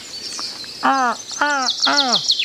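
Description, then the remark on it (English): Three loud, harsh crow caws from a toy plastic crow, each a short downward-sliding squawk, evenly spaced about half a second apart, with faint high bird chirps twittering in the background. “There he is again. The plastic crow.”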